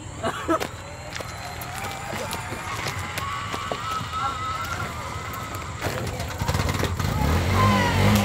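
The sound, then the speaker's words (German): A tuk-tuk engine, restarted after the vehicle was pushed, rattles and buzzes steadily, with clattering transients and muffled voices mixed in, its low rumble swelling louder in the final seconds as it revs. “Der Motor läuft wieder.”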